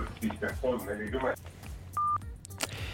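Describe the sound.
Garbled, muffled talk from a caller on a radio studio phone line cuts off, followed by a single short, steady electronic beep as the call drops, then faint background noise.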